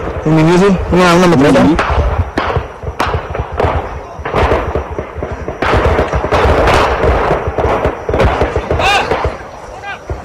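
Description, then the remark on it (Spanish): Repeated bursts of gunfire from an armed clash crack out in rapid, irregular volleys across the whole recording, heard by farmworkers working in an avocado orchard, with tense shouting voices rising over the shots at the start and scattered through. “Así se escucharon los balazos y el temor de jornaleros”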